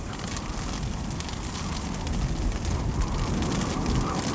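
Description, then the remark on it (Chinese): Heavy rain mixed with hail pours down steadily on the Purog Kangri ice field in summer, a dense, crackling patter of countless impacts that swells slightly louder midway, with no voices present. “冰原强大的制冷效应会导致冷暖气流剧烈交互，湿气迅速化作降雨，冰雹从天而降。”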